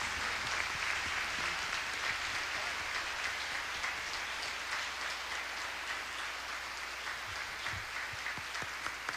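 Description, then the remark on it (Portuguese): A crowd applauds for Our Lady (Nossa Senhora), many hands clapping in a dense, even wash of sound that holds at a constant loudness with no voices rising above it. “Uma salva de palmas para Nossa Senhora.”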